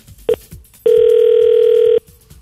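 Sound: telephone line tone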